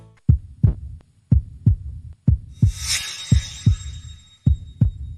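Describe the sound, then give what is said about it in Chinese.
Steady, strong heartbeat as heard through a stethoscope, recreated live in the studio of a television health programme: deep paired thumps repeating at a regular, moderate pace, with a brief high hiss or rustle partway through. No one speaks. “我觉得这一定是一颗健康的心脏发出的有规律而有力的心跳声。”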